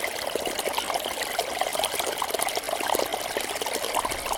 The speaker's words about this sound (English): The sound of the water is very busy. It's rushing. It's fast-flowing water, rushing over stones, gurgling.